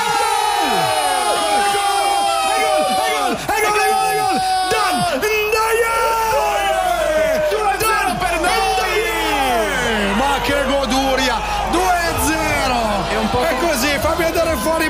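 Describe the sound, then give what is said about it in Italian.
A huge stadium crowd at a football match roars and cheers without letup, countless voices yelling and whooping over one another in a loud, dense wall of sound with rising and falling shouts. “Senti che delirio!”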